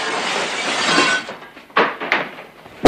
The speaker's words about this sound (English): Valance hurls a chair through the office window